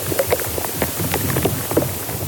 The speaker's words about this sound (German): Sie nehmen die Geräusche von Insekten im Baum auf, aber auch wenn zum Beispiel Flüssigkeit im Baum auf- und abfließt. Da hört man auch mal ein Ploppen oder Knistern. Ja, und im Inneren einer Buche klingt das zum Beispiel so.